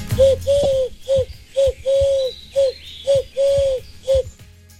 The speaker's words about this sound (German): Die Redaktion hat mir diese Geräusche hier einfach hingelegt, hat gesagt, macht damit. Ich weiß nicht, ist es Tier oder seid es ihr? Was ich weiß, ist, scheint sich um einen Kuckuck zu handeln.